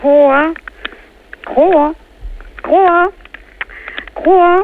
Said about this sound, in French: on va, si vous le voulez bien, arrêter de la faire coasser, la pauvre bête